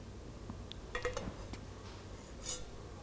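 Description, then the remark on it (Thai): Faint, light clinks of a toy pan and spatula used in pretend cooking, stir-frying play food: a few scattered taps clustered near the middle, then a single brighter, higher-pitched tick, with no voices over a soft background hiss. “ก็จะนำกระทะกับตะหลิวนะคะมาทำเป็นอาหารนั่นเอง”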